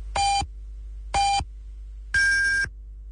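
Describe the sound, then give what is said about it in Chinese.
Radio time signal beeps marking 10:30 Beijing time on Yanbian Radio and Television's Chinese-language news broadcast: two short, evenly spaced tones followed by a longer, higher-pitched final tone, clear and moderately loud with nothing else around them. “北京时间10:30。”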